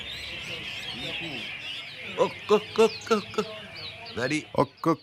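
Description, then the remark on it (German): Songbirds chirp and sing in a steady, busy chorus throughout at an open-air songbird concert, with the birds' owners talking shop in the shade over the birdsong in the second half. “Während die Vögel zwitschern, fachsimpeln die Besitzer im Schatten über die perfekte Technik eines echten Meistersängers.”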